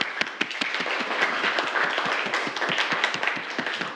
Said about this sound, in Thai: ปรบมือให้เพื่อนเลยนักเรียน